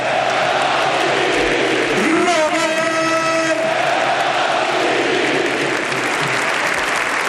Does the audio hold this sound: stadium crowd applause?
yes